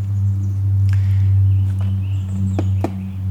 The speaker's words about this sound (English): Someone's digging for dinner, I believe. It's dinner time for the pileated woodpecker